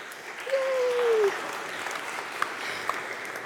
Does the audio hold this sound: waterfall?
no